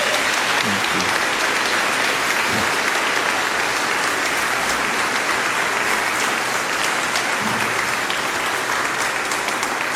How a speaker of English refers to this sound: It's been great to have him with us this summer. How about an applause for him?